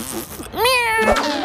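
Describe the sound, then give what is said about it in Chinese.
A single drawn-out cat meow, rising and then sliding down in pitch, fairly loud and clear, with a faint voice or murmur before it starts. “我要抓到你，小猫咪！”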